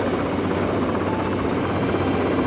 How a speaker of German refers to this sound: Der Hubschrauber dreht in Zoes Richtung.